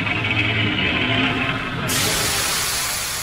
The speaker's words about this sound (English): With a deafening hiss, the cylinder begins to open, slowly.